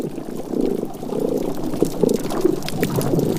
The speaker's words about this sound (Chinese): 我们发现和鸟类一样，鱼类也常在黎明和黄昏时发出声音。一些雀雕会发出声音保卫领地